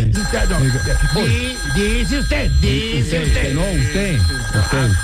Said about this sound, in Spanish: Conteste ahí, afanador, por favor. Suena duro el teléfono, mano.